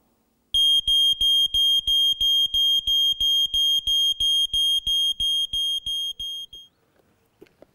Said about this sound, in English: As an extra tip, it's good to have one of these put in your home. This is a smoke alarm.